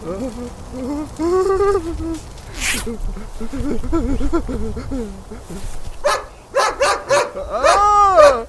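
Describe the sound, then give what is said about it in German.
A large German shepherd growls and then breaks into a rapid series of loud barks, with whining yelps and tense human voices mixed in. Having let go of a man, the dog stays standing in front of him, growling. “Der Schäferhund ließ von dem Mann ab, blieb aber knurrend vor ihm stehen.”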